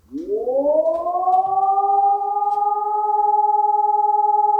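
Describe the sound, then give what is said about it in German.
A civil-defense siren winds up from a low pitch to a steady, unbroken tone and holds it loudly without rising or falling, as an all-clear signal does. “Das war ein Entwarnungston und da waren die Leute echt ratlos.”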